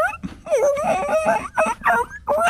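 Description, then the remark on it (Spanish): A person imitates a whimpering puppy with high, wavering whines and little yelps in several short bursts, fairly loud, with no other talk. “Ustedes lleguen como perritos”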